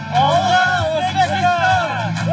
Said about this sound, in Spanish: Pero el grito que se escuchó ahora sí fue el de los fanáticos de Cristiano en una tarde histórica.